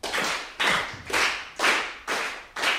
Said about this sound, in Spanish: Es una mezcla de 6x8 y 3x4. ¡Wow! Porque un 3x4 tiene qué ritmo. A ver con las palmas cómo sale.